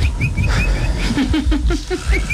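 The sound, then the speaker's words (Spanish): A voice imitates a little bird's call with a quick series of short, chirpy whistled tweets, first high and thin, then lower repeated notes, over a steady low rumble. “Entonces llegó y empezó a hacer como un pajarito.”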